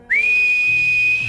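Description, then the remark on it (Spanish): A single long, steady human whistle holds one high, pure pitch, sliding up briefly at the start and then sustained, with a faint low hum underneath. “Sí, señor, el silbido.”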